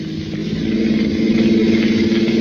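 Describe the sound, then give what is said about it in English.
A car engine revs up and accelerates as the car speeds toward an intersection, chasing a truck. Its steady mid-pitched drone rises and grows louder over a couple of seconds, continuous with no talking. “Step on it, Denny.”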